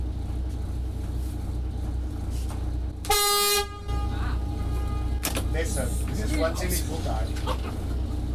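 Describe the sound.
A ship's horn gives one short, loud, blaring blast lasting under a second over a steady low engine rumble, and people start talking nearby soon after it stops.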